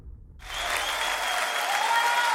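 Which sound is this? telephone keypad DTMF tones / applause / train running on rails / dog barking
applause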